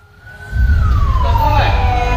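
Sirens of a convoy of 16 ambulances with a police escort wail together, their tones sliding and overlapping, loud over the heavy rumble of passing vehicles, as it arrives from Lubuk Linggau at Bayangkara Hospital in Palembang, Indonesia, around 4:20 on a Thursday morning.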